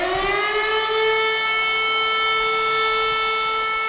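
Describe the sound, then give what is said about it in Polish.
A loud, harsh Cell Broadcast emergency alert alarm on a mobile phone, which sounds even in silent mode, blares as one continuous buzzing tone, rich in shrill overtones, rising briefly at the start and then holding steady with no voices. “Co ważne, alarm wybrzmi nawet jeśli w telefonie jest włączony tryb cichy.”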